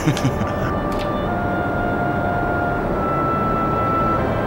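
A steady, loud airplane engine drone fills an aircraft cabin as the plane nears an airdrop point, a constant low rumble with a faint whining hum running through it.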